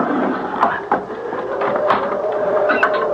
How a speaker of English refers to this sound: All I have to do is pull the wooden bolt back, and the door will open.